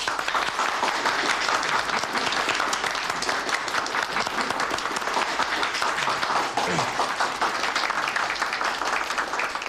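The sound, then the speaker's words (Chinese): Sustained applause from attendees at a meeting, clapping to thank invited chief engineers and experts gathered to discuss technical problems of carrier aircraft deck landing, dense and steady clapping at moderate loudness, with no one speaking over it. “专家我们都请来了，还是应该表示一下感谢嘛。鼓掌。”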